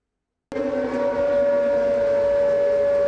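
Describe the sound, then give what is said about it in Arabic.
An air raid warning siren in Ukraine, warning of Russian drone attacks, starts abruptly after a brief silence and holds a loud, steady, high-pitched tone with a rough hum beneath, continuing unbroken to the end without any voices. “مسافة أقصر بين الإنذار والانفجار، هكذا يمكن اختصار التحدي الجديد في سماء أوكرانيا بعدما أدخلت روسيا مسيرات جديدة بمحركات نفاثة تصل سرعتها إلى 450 كيلومترا بالساعة”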